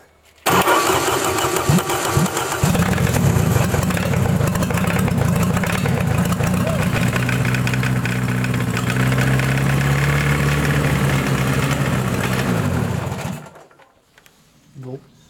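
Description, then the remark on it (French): An engine is started with its starter motor. It cranks for a couple of seconds, catches, and settles into a loud, rough, popping idle whose pitch wavers and surges unevenly for about ten seconds before it cuts out abruptly. “Il démarre, mais il tourne pas bien. Normalement, il devrait avoir un régime stable.”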